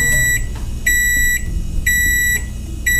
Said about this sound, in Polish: A teraz ręka w górę ci, którzy otwierają mikrofalówkę, zanim wydobędzie się z niej ten dźwięk.